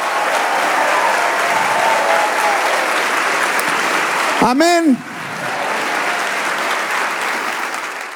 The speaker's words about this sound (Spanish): Si le va a dar ese aplauso, dele ese aplauso.